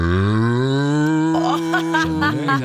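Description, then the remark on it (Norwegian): A person imitates a desperate cow with one long, loud, drawn-out moo, the pitch sliding and wavering with a strained edge before breaking off near the end. “Det finnes forskjellige kuer også. Nå hadde du den kuen, så har du mer sånn desperat ku, ikke sant?”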